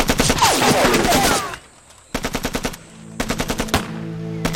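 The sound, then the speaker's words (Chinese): Rapid bursts of fire from a Taisho Type 11 light machine gun, each shot a sharp crack in quick rhythmic succession, with a dense opening barrage, a brief lull, then two more clipped bursts. “这是大正十一式轻机枪，没有9.20的重机枪，这都是鬼子的煎饼。”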